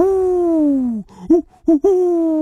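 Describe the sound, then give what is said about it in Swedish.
A human voice imitates an owl: one long, falling hoot followed by three short, clipped hoots in quick succession, fairly loud with no other sounds. “En uggla som säger O.”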